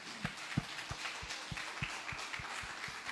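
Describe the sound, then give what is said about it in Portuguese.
A crowd applauds for the Lord in a steady wash of clapping, with a regular low thump beating under it roughly three times a second. No one speaks. “Dê um aplauso ao Senhor pela sua vida.”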